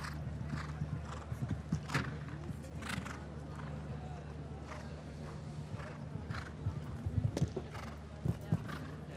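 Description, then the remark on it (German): The hooves of DiCaprio, a 15-year-old horse descended from Diarado with dam sire Cassini 1, clip-clop in an uneven rhythm, with a neigh or whinny breaking through, over a steady low hum and some faint voice-like sounds in the background. “Übrigens, das Pferd gehört ihrem Freund, der auch in Dagobertshausen lebt, nämlich der Brite oder dem Briten Donald Whittaker.”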